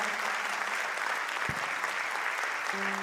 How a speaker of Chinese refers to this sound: 不念就拍手，谢谢哦。